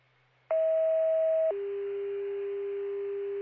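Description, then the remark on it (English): A steady electronic phone-line tone, as a call goes directly to voicemail, starts after a brief low hum, holds one pitch for about a second, then drops to a lower steady pitch and continues to the end. No voices. “Caller did state male has an extensive MEG history, and the phone goes directly to voicemail.”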